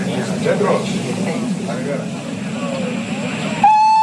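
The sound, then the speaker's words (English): Busy station rumble with indistinct murmuring voices while snow falls heavily, then a loud, steady whistle blast cuts in near the end as a train gets ready to pull out. “But let's get back into the train. It is due to leave very shortly.”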